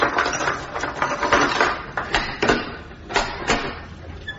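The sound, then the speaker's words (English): Mechanical rattling and clicking as a lock is worked and a door is opened, with a few sharp clacks standing out from a continuous scraping clatter. “You'll have to open the door.”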